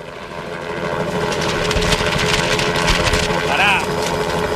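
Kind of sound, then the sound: vehicle, helicopter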